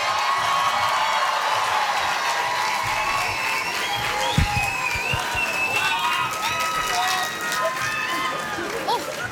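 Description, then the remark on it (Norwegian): A large audience claps and cheers steadily for this year's Urørt winner, with scattered whoops and shouts rising above a dense, sustained wash of applause. “En stor applaus for årets urørt,”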